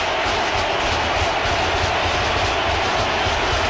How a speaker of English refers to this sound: The crowd providing the percussion.